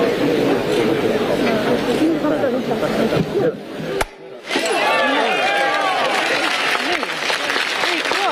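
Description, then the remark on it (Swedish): Sustained applause from a crowd at a naming ceremony for Amelia, a dense steady clatter of clapping mixed with chattering voices, briefly dropping out midway before resuming just as loud. “Här är det applåder.”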